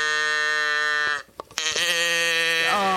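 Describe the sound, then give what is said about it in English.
A voice imitates a cow, giving a long, loud, droning moo that breaks off briefly and then resumes as a second sustained moo, close to the listener. “You want a cow? Come on, pick it up.”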